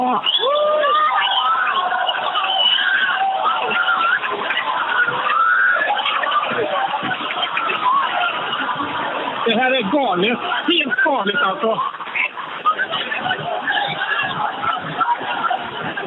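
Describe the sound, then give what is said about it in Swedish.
A crowd cheers and whistles steadily in the background during a total solar eclipse as the moon fully covers the sun, a continuous wash of voices and high calls, while a man speaks excitedly over the noise. “Jag hör jublet i bakgrunden och människor som visslar.”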